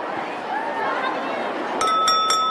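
At the head table in the Great Hall, McGonagall taps a spoon on her drinking glass three times in quick succession, each bright ringing clink lingering, over a steady murmur of crowd chatter.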